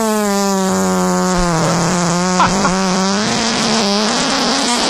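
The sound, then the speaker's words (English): A long, loud, buzzy fart, an archived recording from March 2021, holds a steady low pitch for several seconds, wavering and breaking into sputters as it goes on, with no talking over it. “Yeah, because we also have a sea bass fart in the Lloyd's.”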